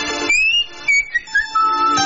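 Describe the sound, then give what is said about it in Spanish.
A person whistles a short, wavering melody of several sustained notes that slide up and down, clear, with no talking over it. “Chifla nomás.”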